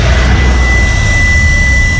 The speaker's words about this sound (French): L'automobiliste expire un grand coup dans l'embout du test. Jusqu'à entendre un claque.